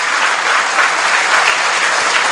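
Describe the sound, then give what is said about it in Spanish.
Steady, sustained applause from a crowd, a dense wash of many hands clapping at an even loudness throughout, with no pauses and no voices standing out. “Aplauso, qué bonito.”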